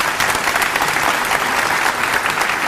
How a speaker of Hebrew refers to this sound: מגיע לו מחיאות כפיים.